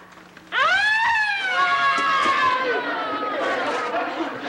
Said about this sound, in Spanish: Es la sirena de la ambulancia.